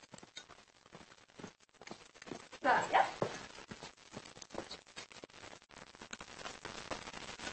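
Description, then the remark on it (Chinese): A big dog gives a short, loud burst of barking partway through, amid shuffling background noise and faint voices. “谁养的这么大狗啊？”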